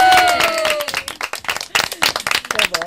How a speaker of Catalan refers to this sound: forte aplaudiment.